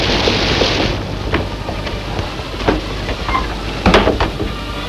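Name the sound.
rain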